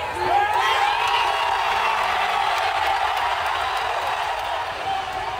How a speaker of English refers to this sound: And cheering has erupted in Manhattan as the New York Knicks made an extraordinary come-from-behind victory over the San Antonio Spurs.